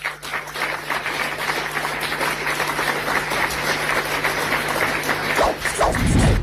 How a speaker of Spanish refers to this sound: Y lo aplauden.